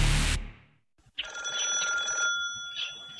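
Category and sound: household object, telephone ringing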